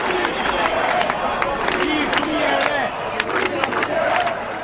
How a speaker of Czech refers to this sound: Tisíce a někdy i desítky tisíc demonstrantů křičí každý večer před sídlem vlády a parlamentu zrušte ten plán, nebo Rama a Berisha patří do vězení.